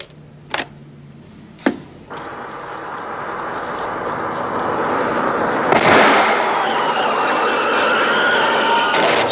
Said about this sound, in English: This is a gunshot. And the second is a blowout.